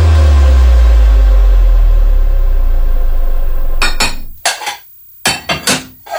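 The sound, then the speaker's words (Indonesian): A low rumbling hum gives way to loud clattering as plates and cutlery are put into a kitchen sink, clinking together in two quick bursts of metallic and ceramic knocks. “Bu, piring sama peralatan makan tadi aku taruh wastafel aja ya.”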